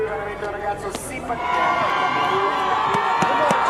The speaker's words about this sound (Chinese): 下一位登场的选手已经迎来了全场的欢呼声，这是在两届冬奥会都登上领奖台的运动员，来自美国的亚历克斯·费雷拉，平昌冬奥会的银牌得主，北京冬奥会的铜牌得主。